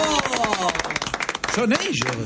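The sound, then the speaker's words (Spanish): An audience bursts into loud, dense applause, many hands clapping at once, while voices shout and cheer over the clapping throughout. “No, yo quiero otro fuerte aplauso para este...”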